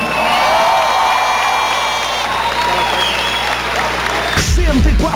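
A crowd applauds loudly and steadily for several seconds, mixed with cheers and a faint musical tone underneath, before the sound abruptly shifts near the end.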